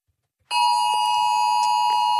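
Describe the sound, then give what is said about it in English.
After a moment of silence, a loud, harsh emergency alert test tone from a phone, part of Australia's Oz Alert test at 2 o'clock on Monday, blares on abruptly and holds steady without a break, piercing, with no voices. “Did you get the Oz Alert 2 o'clock Monday? This loud noise went off on people's phones.”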